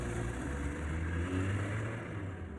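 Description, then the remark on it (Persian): A car engine hums steadily and rises slightly as the car is driven off, a continuous low rumble with no voices. “ماشین را رانده به سخن آغاز کرد شیرین کامل.”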